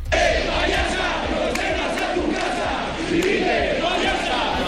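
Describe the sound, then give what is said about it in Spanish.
A large crowd shouts protest chants against Sánchez and against regional president María Chivite, a dense, sustained roar of many voices rising and falling in rhythmic bursts, loud throughout with no single speaker standing out. “Escuchábamos gritos contra Sánchez, pero también los hubo contra la presidenta Chivite.”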